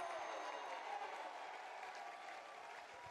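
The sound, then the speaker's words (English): A baseball crowd cheers and applauds a called strike three, the first out of the inning, in a dense, steady wash of clapping and voices, holding an even moderate loudness for about three seconds without any single words standing out. “The crowd absolutely loves that.”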